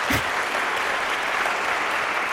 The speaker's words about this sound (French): Bienvenue à vous qui nous écoutez sur les ondes de RTS Espace 2 et bonsoir à vous, cher public qui êtes venu assister à ce concert du trio …. Je vous propose de vous manifester à l'antenne en applaudissant par exemple.